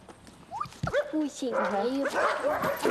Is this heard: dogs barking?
yes